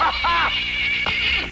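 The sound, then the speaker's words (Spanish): A horse whinnies loudly, a high, quavering call that carries on for over a second, with some background noise underneath, as its owner calls it to come. “¡Ese es mi caballito, caramba! Este es mi hijo. ¡Venga, caballito!”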